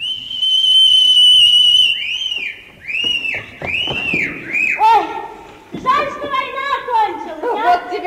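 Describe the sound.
A loud, piercing whistle made with fingers in the mouth, answering another whistle, holds one shrill note for about two seconds, then breaks into a string of rising-and-falling swoops. A voice follows near the end.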